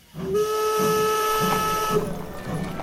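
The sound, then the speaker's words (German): A steam train's whistle blows one long, steady, piercing blast for nearly two seconds, loud, over the chuffing and hiss of the locomotive, which carries on after the whistle stops. “Im August 1893 kommt eine junge, schmale Frau mit dem Zug in München an.”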